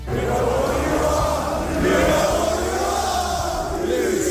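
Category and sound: crowd, stadium crowd booing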